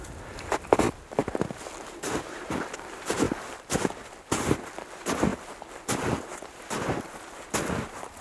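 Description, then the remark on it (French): Steady footsteps trudging up a mountain slope toward a mountain pass, a dozen or so crunchy, scuffing steps in an even plodding rhythm, moderately loud over a soft background hiss, with no voices. “Nous approchons pas à pas du col.”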